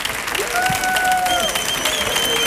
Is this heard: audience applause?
yes